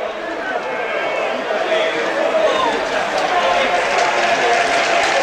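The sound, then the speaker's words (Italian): A huge football stadium crowd roars and applauds in a dense, continuous wash of noise, with Ascoli fans' chanting voices rising through the din as they celebrate a 4-0 victory. “Arriva un grandissimo applauso prima di tutto e poi eccoli i cori dei tifosi a celebrare una vittoria che mette una serissima ipoteca.”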